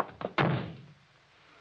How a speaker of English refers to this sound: You shouldn't have slammed the door, Crane.